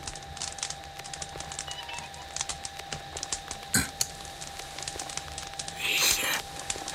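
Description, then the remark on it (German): Dense, continuous crackling and popping from a recorded wax cylinder played on a wound-up phonograph, no recording audible, with a faint steady hum underneath, a sharp click midway and a louder burst of hiss near the end. “Nur dieses enervierende Knistern.”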